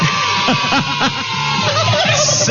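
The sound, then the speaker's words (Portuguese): A turkey gobbles in a quick, warbling burst of rapid throaty notes, then trails into wavering calls. The sound is loud, with steady background noise underneath. “Preparando ele pro Natal. Aquela coxona de peru assim, hein?”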